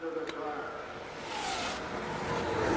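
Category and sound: vehicle, race car engine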